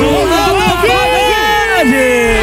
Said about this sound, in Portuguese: A torcida aumenta. E o volume também.